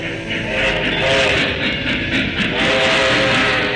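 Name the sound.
train travelling on rails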